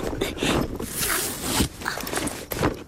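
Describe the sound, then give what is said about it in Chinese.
The zipper of a shoulder backpack is pulled open in a few quick, rasping strokes, with some rustling of fabric as the bag is handled. “让我看看你的宝贝。”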